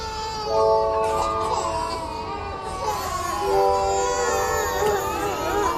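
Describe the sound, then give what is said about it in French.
Several babies wail at once in a nursery, their overlapping high-pitched cries rising and falling continuously with an echo, with a steady background murmur underneath. “Puis là, on m'a mis ma fille d'un bras et on dirait que les bébés se sont tus, mais c'est pas vrai.”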